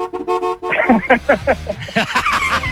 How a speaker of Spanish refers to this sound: ¿Nunca le sonó la bocina sin querer?